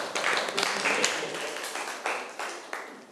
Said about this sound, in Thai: ครับถูกต้องครับปรบมือเพื่อนหน่อยครับ